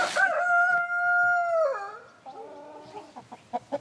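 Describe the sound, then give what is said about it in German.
A German Salmon rooster, a breed kept by breeders in a village in Germany, crows once, loud, a long sustained call that drops in pitch at the end, followed by a few short clucks. No voices. “Sie züchten das deutsche Lachshuhn.”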